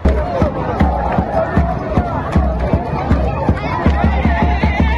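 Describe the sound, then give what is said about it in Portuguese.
A lively crowd of Congo football fans celebrates in Kinshasa, a steady roar of voices and chatter carried along by regular, punchy beats like drums or stamping, loud throughout the whole stretch. “Essa alegria toda é da torcida do Congo, que empatou na estreia com Portugal.”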